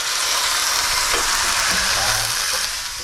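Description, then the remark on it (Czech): Broth and a little water are poured into a pan of golden frying onions and chopped garlic, setting off a loud, steady hiss and crackle of sizzling that runs unbroken for about three seconds with no voices. “A teď to zalijeme takový napůl vývar, trošku i vody tam dám.”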